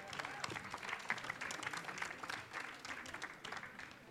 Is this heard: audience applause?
yes